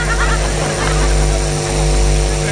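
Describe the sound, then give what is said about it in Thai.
A loud car engine with a modified exhaust roars in a deep, steady drone, its harsh rumbling tone briefly dipping twice before resuming, with no voices over it. “รถใครวะดังเหมือนเครื่องเรือเลย เปลี่ยนท่อได้แล้วพี่”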